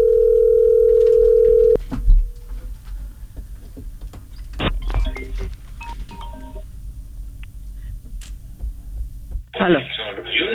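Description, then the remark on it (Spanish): A steady telephone tone sounds for about two seconds as a call is transferred to a mobile phone, followed by a quiet line with faint clicks and beeps, and then a tinny, phone-filtered voice briefly comes on at the end. “Llamada transferida a móvil. Un segundito.”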